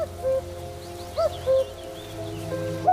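A common cuckoo in reed beds calls its two-note cu-coo, a higher note falling to a lower one, repeated twice with a third call starting, over soft rustling and faint high chirps of other birds.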